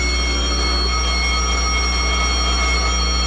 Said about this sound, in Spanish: El capitán oprimió un botón y una serie de foquillos rojos anunciaron alarma general y automáticamente funcionaron las alarmas en toda la base.